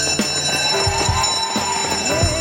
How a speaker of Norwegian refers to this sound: Og der ringer klokkene inn til søndagsskolen, våres nye serie, der vi skal en liten tur tilbake igjen på skolebenken på søndagsmorgen og lære oss noe nytt.